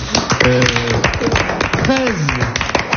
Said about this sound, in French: C'est pas mal, on peut vous applaudir.